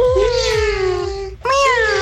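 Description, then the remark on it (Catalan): Three six-year-old girls imitate kitten meows in two long, high-pitched, wavering mews, the first drawn out and sliding downward, the second rising sharply after a brief pause. “I volen fer, aviam, el soroll que fan els gatets.”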